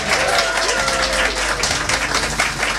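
An audience claps in sustained, dense applause that stays steady and fairly loud for about three seconds, with faint low tones running underneath.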